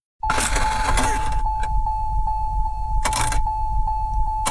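A car engine cranks and struggles to start, a steady mechanical churning with rhythmic pulses and occasional louder grinding bursts, fairly loud, without ever catching.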